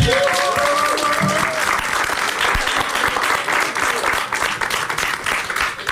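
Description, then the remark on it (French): An audience applauds a speaker steadily for several seconds, a dense, even wash of many hands clapping that stays loud throughout, with a few faint voices and a brief whistle-like tone at the start. “Merci, on peut l'applaudir en tout cas.”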